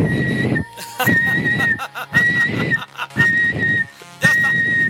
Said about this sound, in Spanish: Venga, va. Este es mi silbido.